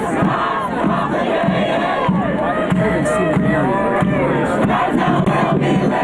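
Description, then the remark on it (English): A dense crowd of pro-Palestinian protesters at an event yells and chants at Mayor Mamdani, including chants of traitor and sellout, loud and continuous, with overlapping shouts rising and falling in pitch and no single voice standing out. “Those pro-Palestinian protesters were yelling at Mayor Mamdani.”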